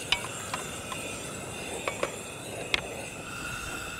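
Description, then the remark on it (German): Water is poured into a hot cooking pot while making pumpkin soup, giving a steady, even sizzling hiss, broken by a handful of sharp clicks and pops and a few faint metallic taps. No one speaks. “Packen wir das Wasser drauf.”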